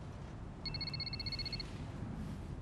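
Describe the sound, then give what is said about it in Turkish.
A telephone rings with a rapid, trilling electronic warble lasting about a second, fairly faint against a steady low background rumble; no one speaks. “Telefon için özür dilerim.”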